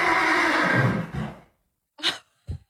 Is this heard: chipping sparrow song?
no